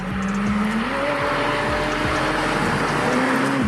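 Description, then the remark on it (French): A McLaren Senna supercar engine, over 800 horsepower in a 1200 kg car, roars loudly as it accelerates hard, its pitch climbing through a couple of quick gear shifts over a steady, rumbling exhaust, with no one talking. “Cette Senna, c'est sans doute la voiture la plus violente que je connaisse. Imaginez, plus de 800 chevaux pour 1200 kg, le poids d'une Alpine A110.”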